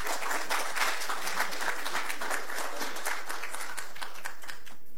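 A crowd applauds steadily to welcome Arequipa regional governor Roel Sánchez Sánchez to the podium at a presentation of the Puerto Corío project, many hands clapping in a dense, crackling wash that stays fairly even, with a few faint voices emerging near the end.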